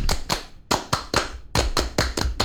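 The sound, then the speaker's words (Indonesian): A rhythmic Pramuka scout clapping pattern (tepuk pramuka): about ten sharp, bright hand claps in short groups, two, then three, then a faster run of five, with brief pauses between groups and no voices. “tepuk pramuka.”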